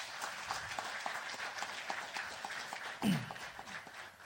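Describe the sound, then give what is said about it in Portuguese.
A crowd applauds the President at the launch ceremony of the National Surgical Center, a dense, even wash of many hands clapping that holds at a fairly strong level for several seconds without any talking over it. “Uma salva de palmas para o nosso Presidente.”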